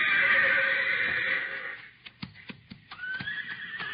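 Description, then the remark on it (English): A horse named Thunder lets out a loud, shrill whinny that trails off, followed by a few sharp hoof clops and then a second, higher neigh rising over them. No one speaks. “What's the matter, Thunder? Oh, boy. Stone in your hoof?”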